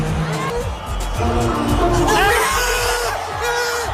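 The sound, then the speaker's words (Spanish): A large concert crowd in Madrid screams and cheers continuously on the final night of a concert residency. The sound is loud and dense, with shrill whoops rising above the roar and a rhythmic, bass-heavy music beat thumping underneath. “Bueno, así gritaban.”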